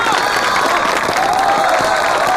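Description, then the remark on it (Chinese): Loud, sustained applause from a large audience at a farewell party, welcoming a woman to the stage to perform, dense and continuous clapping with a murmur of crowd voices underneath. “所以大家再次以热烈的掌声欢迎她。”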